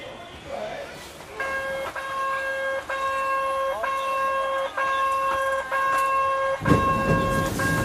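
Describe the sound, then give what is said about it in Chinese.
A vintage small forest train with retro carriages, full of residents and tourists in a national forest park, sounds its whistle in a long series of steady, repeated tones, loud, over a low background murmur, with a burst of rumbling noise near the end as it departs. “我们到达时，一列满载市民和游客的森林小火车即将发车。”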